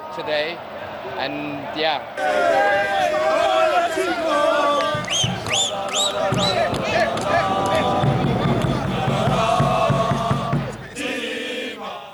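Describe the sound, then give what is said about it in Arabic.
A loud, dense street crowd in the Moroccan capital celebrates the win over the Netherlands and reaching the round of 16, with overlapping cheers, shouts and chanting voices, a steady roar of babble throughout with sharp whistles and rhythmic thumping underneath. “وفي العاصمة المغربية احتفلت الجماهير في الشوارع فرحا بالفوز المثير على هولندا وبلوغ دور 16.”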